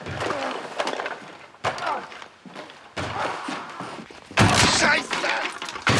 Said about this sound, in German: Er ist in seinem Hobbykeller und hämmert auf irgendwas ein. Aber das Geräusch kommt nicht aus dem Keller, sondern von draußen.